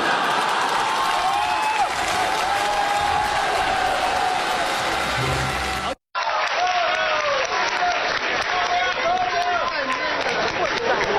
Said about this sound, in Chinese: 谢谢 谢谢 谢谢大家给我一个人的掌声。